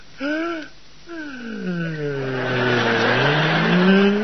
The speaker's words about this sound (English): Well, turn off the engine, Pop. All right, all right. Now, hang on, everybody. I'm going to turn off the engine. There.